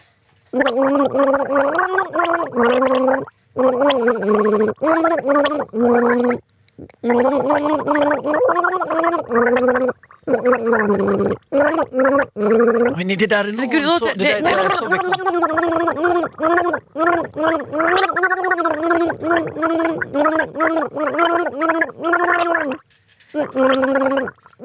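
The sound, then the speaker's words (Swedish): Someone gargles a song melody through a mouthful of water for listeners to guess the artist and song, a loud, bubbly warble rising and falling in pitch over many short phrases, with a few brief spoken words. “Det kan du gurgla”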